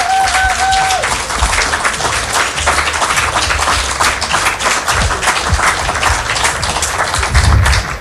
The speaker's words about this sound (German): Danke. Danke, …, für dieses wunderbare Konzert. Nochmals großen Applaus für Sie.